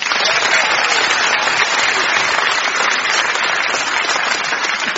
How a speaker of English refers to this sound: No treasure for anyone, but merely a round of clapping thunder.